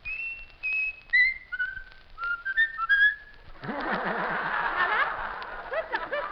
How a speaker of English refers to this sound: Whistle. You're going to whistle. You're going to whistle Hail, Hail again. He's all here. Hail, Hail. Whistle Hail, Hail.